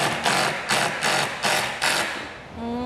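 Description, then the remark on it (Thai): An impact-only hammer drill with no other mode runs in five loud, pulsing bursts about half a second apart, a harsh rattling grind that fades at the end into a thin rising whine as the motor winds down. “เสียงอาจจะแปลกๆนะคุณผู้ชมเพราะว่ามันเป็นจอกกระแทกอันนี้ไม่มีหมดอื่นด้วย อ๋ อเป็นจอกกระแทกอย่างเดียว”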